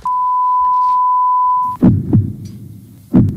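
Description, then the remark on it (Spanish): A single loud, steady electronic beep holds for almost two seconds, then cuts off into a few deep, muffled heartbeat thumps spaced about a second apart. “Pitido, corazón.”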